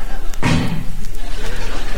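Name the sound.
car door slamming shut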